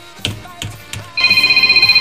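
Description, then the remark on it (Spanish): A few soft thumps, then a telephone starts ringing with an incoming call: a loud, steady high electronic trill that warbles rapidly and continues to the end, with no talking. “A ver, contéstate la.”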